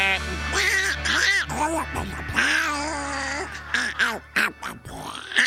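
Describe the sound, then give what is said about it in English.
A rapid series of nasal, honking duck quacks, loud, coming in uneven bursts over a steady low hum. “I want a new duck.”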